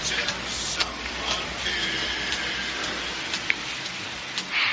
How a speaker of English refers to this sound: What's it doing outside? Still raining? Buckets. It will be all weekend, they say.